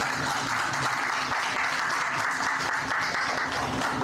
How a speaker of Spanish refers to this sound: Bien, aplauso para el ingeniero Miguel Vázquez.